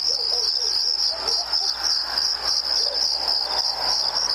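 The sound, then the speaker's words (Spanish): A steady chorus of crickets chirping, a continuous high-pitched trill that holds evenly throughout with a faint rustling background and no voices. “Yo no pondría ni los grillos, porque los grillos siempre están, se hacen presentes.”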